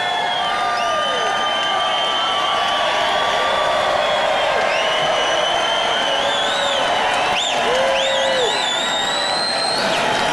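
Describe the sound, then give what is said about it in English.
A large crowd at the Republican National Convention applauds and cheers steadily as Donald Trump Jr. takes the stage and waves, a dense wash of clapping with high whoops and shouted voices rising and falling over it, loud throughout. “He's just giving a little wave and getting lots and lots of applause from people.”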